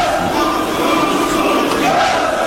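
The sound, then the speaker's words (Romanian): An angry crowd of dockworkers shouts together, crying "down with the trust", in a dense, continuous roar of many voices, loud and steady throughout with no single voice standing out. “E furia docurilor, gloata celor mici. Ia urlă, jos cu trustul.”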